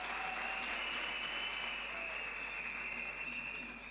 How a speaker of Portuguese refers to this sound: todos os parceiros aqui presentes que nos apoiaram para a realização desta 9ª Conferência Nacional da Juventude, e queria pedir uma grande salva de palmas para os nossos parceiros.